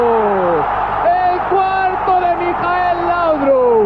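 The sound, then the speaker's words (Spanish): A packed football crowd at Camp Nou in Barcelona roars and cheers an FC Barcelona goal, a dense, sustained wall of many shouting voices with whoops rising above it, loud and steady throughout. “Es el delirio, el auténtico delirio en el Camp Nou.”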